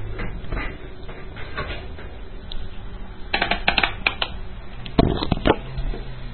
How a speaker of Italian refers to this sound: Ecco, avvicinerò il microfono.